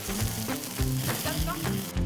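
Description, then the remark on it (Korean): Steady, crackling sizzle of meat frying on a hot barbecue grill at a campsite, a dense hiss that stays fairly loud throughout with small pops and spits scattered across it, no voices present. “게다가 딸 덕분에 이곳에서 가끔 이렇게 바비큐를 즐기는 재미가 쏠쏠하답니다.”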